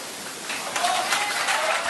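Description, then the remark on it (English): Some people in the audience at a culture event applaud French President Macron after he takes the stage and the microphone. The clapping is steady and dense, swells slightly partway through and stays at an even, moderate loudness, with no voices standing out. “Some people applauded Macron”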